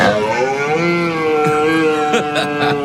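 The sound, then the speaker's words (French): A red deer stag in Dordogne bellows during the rut in one long, loud, raspy roar, its deep pitch wavering and rising slightly, with a few brief crackles near the end and no voices. “Alors, le brame du cerf, c'est beau hein, comme cri.”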